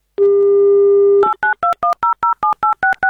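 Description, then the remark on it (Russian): A steady dial tone plays for about a second, then a quick run of eleven touch-tone beeps as the Avtoradio radio station dials a game player's phone number in the Kaliningrad region, each short two-pitched tone evenly spaced and clear with no talking. “Номер набран.”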